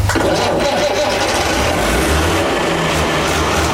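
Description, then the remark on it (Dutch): The six-cylinder, 100 hp diesel engine of a Fiat tractor turns over and rumbles into a steady, loud idle, its deep throb continuing throughout with no one speaking. “Oh, die zescilinder, daar ben ik echt wel blij mee. Ja, dus gewoon een tractor van 100 pk en er zit een machtig mooi geluid in.”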